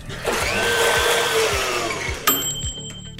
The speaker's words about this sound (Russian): Надеюсь, не забьется наша смузи-машина. Погнали.